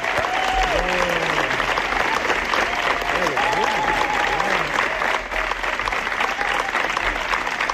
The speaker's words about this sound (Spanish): Largo aplauso, ¿eh? Ha sido una ovación, no como las del Festival de Cannes, pero bueno, casi parecido.